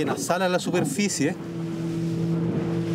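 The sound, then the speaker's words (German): A motorboat engine drones steadily with a low, even hum as the boat is steered to get close to a whale the moment it surfaces, first under a brief stretch of talking and then continuing on its own at a constant level. “Er muss das Boot so lenken, dass es in dem Moment in der Nähe des Wals ist, sobald der auftaucht.”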